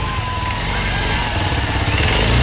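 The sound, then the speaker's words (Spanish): A Suzuki DR160X motorcycle engine idles steadily while warming up, a continuous loud, throaty rumble that holds even throughout with no voices over it. “cuando ya comienza a calentar motores.”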